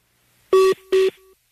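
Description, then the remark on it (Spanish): Two short, loud electronic keypad tones sound in quick succession as a cell phone number is dialed, each a steady dual-pitch beep, with a faint lingering tone trailing after them. No one speaks. “Te estoy marcando tu celular y me manda buzón.”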